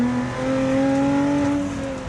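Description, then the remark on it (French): A car's 3.5-litre engine with a huge supercharger, set to race mode, revs hard and steadily, a loud, sustained whine with strong tonal harmonics holding continuous throughout, no voices over it. “Le 3 litres 5 avec l'énorme compresseur. Je sais pas si vous l'entendez, mais ça chante.”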